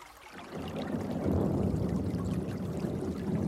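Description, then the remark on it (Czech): Water pours steadily into a tub, starting after a brief quiet moment and continuing as a full, splashing gush with no voices. “nanosit vodu do suru, pstroužci musí zůstat čerství.”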